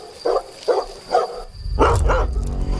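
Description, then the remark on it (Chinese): A domestic dog barks three times in an even rhythm, then lets out two louder barks over a low rumbling background. “一只家犬就足以置它于死地。”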